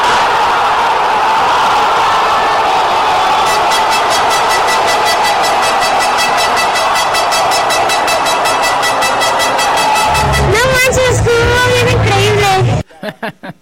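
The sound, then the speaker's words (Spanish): A loud crowd in the Zócalo, watching Mexico play South Africa on a giant screen, erupts in a sustained roar celebrating Julián Quiñones's goal, settling into a rapid rhythmic pulse of cheering and clapping, with blaring horn-like shouts rising near the end before it cuts off abruptly. “Empezó el partido, no cabía ni un alfiler, y de pronto el grito de gol, cuando Julián Quiñones anotó a los sudafricanos.”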